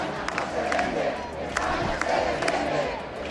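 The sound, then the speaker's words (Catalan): A large protest crowd in a square in Palma, Mallorca, chants against Spanish Prime Minister Pedro Sánchez in a steady, rhythmic roar, voices merging into a loud, continuous wash with repeated emphatic bursts, no single speaker standing out. “A la plaça de Cor de Palma s'han sentit càntics com aquest.”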